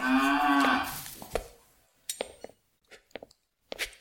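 A cow lets out one long, low, droning moo in a stable, followed by scattered faint knocks and clicks with quiet gaps between them.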